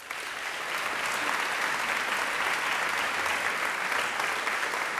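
Sustained applause from an audience, a dense steady wash of clapping that holds at an even, fairly loud level for the full five seconds with no voices over it.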